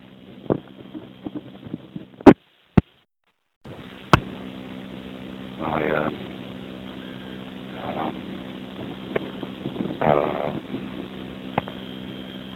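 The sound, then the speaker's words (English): Strong wind buffets the microphone in a steady, roaring low rumble, broken by sharp knocks and a brief dropout, recorded while walking on the streets near 38th Avenue and 31st Street on a very windy day. Nobody speaks. “But, so walking around on a very windy morning, windy afternoon,”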